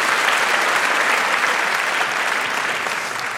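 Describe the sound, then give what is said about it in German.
A steady wash of audience applause, many hands clapping densely and evenly at a fairly loud level throughout, with no voices standing out above it. “Einen großen Applaus für Martin Brauer.”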